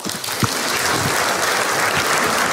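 An audience breaks into steady, sustained applause, a dense wash of many hands clapping at an even loudness throughout, with no voices rising above it.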